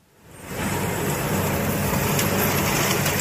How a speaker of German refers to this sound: hat seinen Trecker mit einer Riesenhacke ausgerüstet und fährt durch das abgeschnittene Gras.